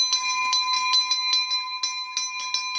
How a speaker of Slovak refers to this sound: Tak vy už máte elektronický zvonec, ale tento asi zrejme používate občas. Samozrejme je veľmi blízky k nášmu srdcu, lebo tento zvonec ešte pochádza z pôvodnej budovy, sme ho stade ešte zdedili a ho chránime tu.